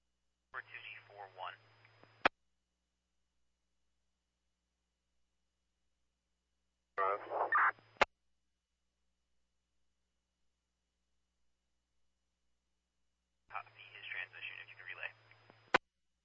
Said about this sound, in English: Negative. All I got was static.